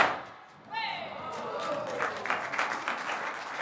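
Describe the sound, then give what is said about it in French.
After a brief hush, a dense burst of sharp cracks and pops like firecrackers going off on a spoken count of one, two, three, continuing as a loud, uneven crackle that resembles applause, with faint voices mixed in. “Donc, puis-je entendre les pétards ?”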